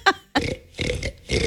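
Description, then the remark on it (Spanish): A black pig grunts in a few rough, belch-like bursts, fairly loud, each guttural snort separated by brief pauses. “Ahí está el cerdito negro. No sabía si era un raro. Señor borracho o era el cerdo.”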